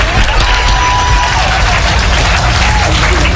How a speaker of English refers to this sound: You might as well clap your hands, get over it. Come on, clap your hands.